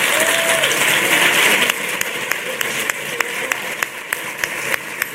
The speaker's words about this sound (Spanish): Y pido un fuerte aplauso para ellos, para mis maestros.